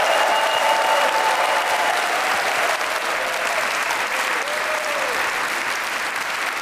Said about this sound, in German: Das ist der Applaus für Sie, Musiker des WDR-Sinfonieorchesters, das Brassquintett und die Kolleginnen und Kollegen vom Klassikforum, das ins 40. Jahr geht.